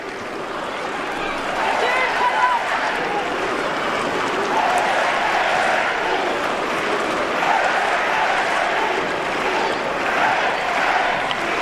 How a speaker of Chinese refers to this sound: 今天在伊夫迪马努瓦尔体育场还是来了很多的中国的观众，来为姑娘们加油呐喊。